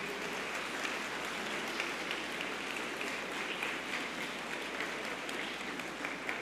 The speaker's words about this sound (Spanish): Le brindamos un fuerte aplauso a nuestros sacerdotes.